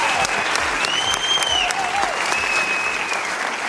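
Steady, sustained applause from an audience fills the space, dense clapping with scattered whistles rising over it, continuing at an even level throughout.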